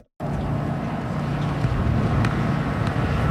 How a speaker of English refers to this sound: It's a windy one.